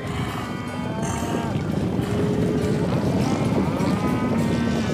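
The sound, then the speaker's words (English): A cattle stampede, with horses running away too: a dense, steady rumble of many hooves thunders throughout, with long, wavering moos from several cattle rising over the din. “We's having a stampede.”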